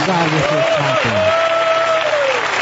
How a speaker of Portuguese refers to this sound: Podem louvar a Deus com palmas para Jesus.